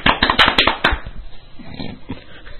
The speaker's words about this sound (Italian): Abbiamo deciso che abbiamo un pubblico qui che al nostro cenno applaude come i deficienti.